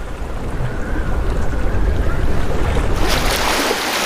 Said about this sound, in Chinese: 大风吹拂着海面，海水有规律的起起伏伏。这些涌浪或许会向远方扩散，抵达最为隐蔽的海湾。当涌浪靠近浅水区时，就会变成近岸浪。